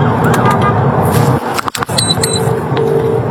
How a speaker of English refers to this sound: Must not have been a huge emergency, because you'll hear from inside the cab of their police vehicle how they handle it. It says, but a van driver blocked their path on the motorway.